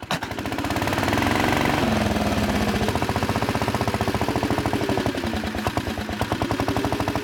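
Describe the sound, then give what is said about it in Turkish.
The engine of an unusual old vehicle with a dump bed, a roller and a BSA motor catches on a start attempt and settles into a loud, rapid, uneven chugging idle, its regular pulsing firing beats continuing steadily with no voices over it. “Damperli, silindirli ve BSA motorlu bu sıra dışı araçta iki farklı çalıştırma sistemi var.”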